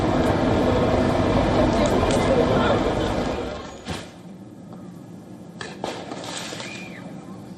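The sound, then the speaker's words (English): Loud crowd noise and chatter fill the first half, then a few sharp, booming bangs go off one at a time as fireworks, tear gas and smoke bombs are fired during clashes between riot police and protesters in a street in a suburb of Paris. “Riot police clashed with the protesters in a suburb of Paris, meanwhile, with fireworks, tear gas, smoke bombs being fired at regular intervals.”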